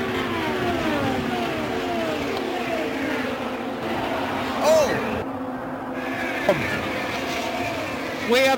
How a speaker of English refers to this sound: there's a gaggle of cars about five wide coming to three.